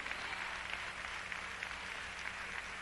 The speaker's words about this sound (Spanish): Le da palmas al Señor.